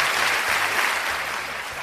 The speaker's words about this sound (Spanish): Sí, aplauso cerrado.